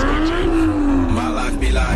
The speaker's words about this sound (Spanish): Hay motores que se escuchan.